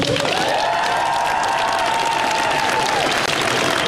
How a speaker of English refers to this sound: And the applause, sickening, isn't it?